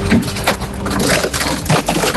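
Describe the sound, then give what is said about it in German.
The compactor of a bulky-waste garbage truck in Bocholt crushes a small city scooter thrown into it, a loud, continuous grinding crunch with sharp cracks and snaps of breaking plastic and metal, steady for about two seconds with no voices. “Da wird alles zerstört.”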